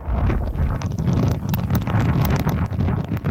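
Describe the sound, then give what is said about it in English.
Loud, roaring wind from Typhoon Nawal, battering the southeastern coast of China and parts of Hong Kong, buffets the microphone with a deep, continuous rumble. Scattered sharp pattering hits cut through, like torrential rain lashing down in gusts. “The weather system is bringing intense winds and torrential rain with it, upending trees, billboards, and disrupting traffic.”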